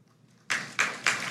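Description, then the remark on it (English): After half a second of near silence, audience applause following a line in a speech starts slowly: three loud, bright bursts of clapping at a steady, unhurried beat, with no voices. “Notice, wow, listen how slow the applause started.”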